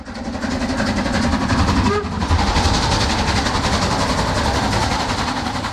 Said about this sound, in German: Der Zug mit der Dampflok fuhr zunächst von Prag nach Cheb und dann als Personenzug Nummer 3717 weiter in die Grenzstadt Asch.